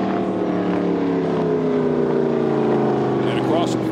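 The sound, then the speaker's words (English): A racing powerboat engine roars steadily at high speed, a loud, sustained drone with a slowly shifting pitch, with faint voices talking underneath. “It is flying nicely here. Getting everything he can out of that one.”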